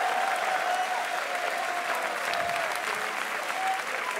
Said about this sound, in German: Euer Applaus!